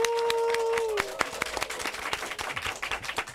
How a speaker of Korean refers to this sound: 우리 작가님을 위해 큰 박수 부탁드릴게요.